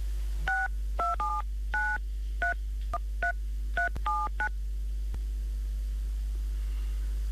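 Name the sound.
telephone dialing tones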